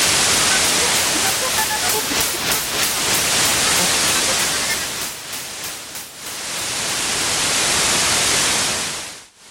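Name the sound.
radio static noise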